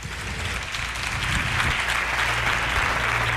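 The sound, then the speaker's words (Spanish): An audience on a programme applauds the guests, a dense crackling wash of many hands clapping steadily that stays loud and even throughout, with some low murmuring underneath. “Un aplauso para ellos.”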